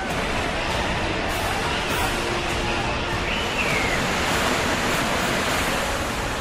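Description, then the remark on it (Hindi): A loud, steady roar of rushing floodwater fills the whole clip, dense and continuous, churning down from the mountains after torrential rain in Jammu and Kashmir, breaking rock and carrying large boulders, with no pauses and no voices. “पानी के प्रहार से चट्टान टूट रही है और साथ ला रही है मुसीबत।”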